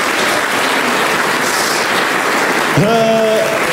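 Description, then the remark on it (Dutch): An audience applauds in a steady, dense wash of clapping for several seconds; near the end a sustained, pitched tone rises in and holds over the ongoing applause. “Het jammer van de zaak is dat ik die ook altijd moet bedanken en applaus moet vragen.”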